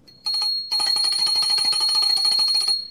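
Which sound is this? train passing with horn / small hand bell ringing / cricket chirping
small hand bell ringing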